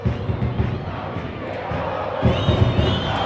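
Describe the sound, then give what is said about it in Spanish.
A large football stadium crowd at the Sánchez Rumoroso at night, during a Copa de la Liga 2026 match, roars and cheers continuously, a dense wash of many voices that swells louder in the last second, with rising whistles or shouts cutting through. “¿O lo alcanzó a escuchar, Bonito López, el público?”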